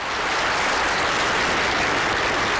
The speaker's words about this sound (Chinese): 台下立即爆发出热烈的掌声。他抬抬手，将掌声平息，继续说：